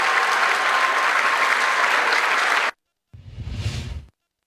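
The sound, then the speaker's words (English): Steady, dense audience applause for students at H.M. King High School in Kingsville, Texas, on their last full day fills almost three seconds, then cuts off abruptly. After a brief silence, a short low rumbling sweep follows. No one speaks. “Clap it up to you.”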